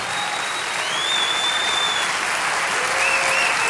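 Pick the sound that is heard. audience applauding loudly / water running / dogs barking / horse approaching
audience applauding loudly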